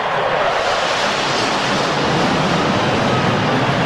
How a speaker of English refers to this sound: It came to you just like a jet flying by. That rush you heard was my mind at work.